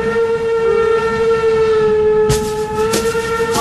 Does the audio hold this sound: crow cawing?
no